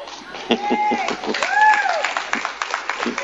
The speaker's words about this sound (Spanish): Son todas mujeres casi las que están aplaudiendo acá, ¿no? Parece que hombres vamos a tener que hacer algo, ¿no?